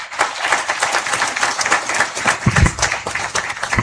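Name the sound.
applause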